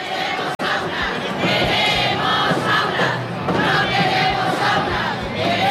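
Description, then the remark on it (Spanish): A large protest crowd at the Marches for Dignity in the streets of Murcia, people from 50 social, neighbourhood and union groups, chants and shouts together, loud and sustained, many voices rising and falling in rhythmic waves with a brief cut near the start. “Un año más, las marchas por la dignidad recorrieron las calles de Murcia.”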